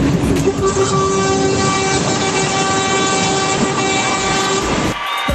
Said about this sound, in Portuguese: Aí, gente, pronto! Fechou com chave de ouro o buzinaço. Gostei. Muito obrigado pelo carinho, gente. Acabou o nosso. nosso buzinaço. Acabou, gente. Ah, foi legal. Foi legal o buzinaço, gostei.